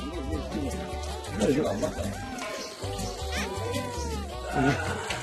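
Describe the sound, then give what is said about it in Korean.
Baby goats being fed milk bleat over and over, their high, wavering cries overlapping in a steady, loud chorus with barely a pause across the whole stretch. “도착하기 무섭게 챙기는 건 아기 염소들인데요.”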